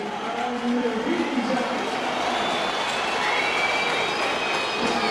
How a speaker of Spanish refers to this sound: Aplausos y silbidos. Aplausos y silbidos para Villa, Tibios aplausos, más silbidos que aplausos.